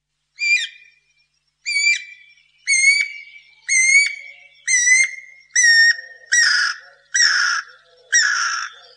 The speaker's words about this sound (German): Das Thema heute ist ein Vogel, den wir alle kennen, gerade hier aus unseren Städten. Es ist die Piririta oder Hechtosch, wie wir es hier im Plattdeutsch sagen, oder wie wir hier im Deutschen sagen, Guirakukuk.